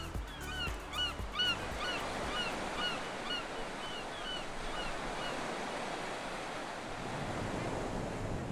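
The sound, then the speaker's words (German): Waves break and wash steadily over a small pebble beach at Marciana Marina, a continuous rushing roar, with a few birds calling faintly in the first few seconds. “Nach so viel grüner Natur zieht es mich ans Meer.”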